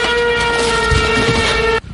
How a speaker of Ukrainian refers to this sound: Раптово над головою чують зищання дрона.